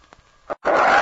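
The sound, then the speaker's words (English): A wounded wolf-dog, more wolf than dog, shot in the leg and weak from loss of blood, growls, with a couple of short, low grunts giving way to a loud, harsh, sustained snarl. “Look at his wolf. Hello, wolf. He's part dog.”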